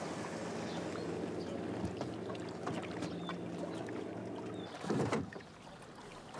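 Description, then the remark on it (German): Restaurant tables and chairs being loaded onto a small boat in the harbour of Chora Sfakion, southwest Crete: scattered hollow knocks and scrapes, one heavier thump near the end, over a steady wash of water and outdoor noise, with no talking. “Wie passen möglichst viele Tische und Stühle auf das kleine Boot?”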